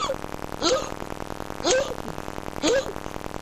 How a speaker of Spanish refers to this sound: …, ¿eh? Tirando un hipo con tos. Sí, parece.